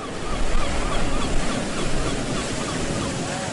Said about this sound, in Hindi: ऊंची नीची लहरें मेरे चारों तरफ उठती गिरती हैं।